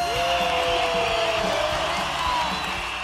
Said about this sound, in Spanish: Del Instituto de Investigaciones Históricos Sociales, recibamos con una soberbia ovación